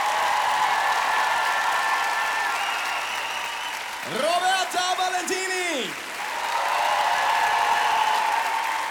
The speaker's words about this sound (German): Meine Damen und Herren, sehr verehrtes Publikum, einen großen Applaus für Pia Dawes.